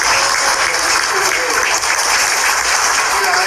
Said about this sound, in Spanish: Fuerte los aplausos para ellos.